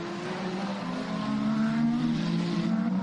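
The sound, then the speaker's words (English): Loud, steady roar of four race cars, including Rast, Fourcault, Raffaele Marciello and Earl Bamber, battling for fourth place after 5 hours and 58 minutes of racing, their droning pitch climbing as they accelerate together, with no voices over the noise. “It's now a four-car scrap for effectively fourth, because Charles Malizzi is only a second and a half.”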